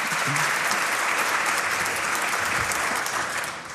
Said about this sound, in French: Oui, on peut les applaudir.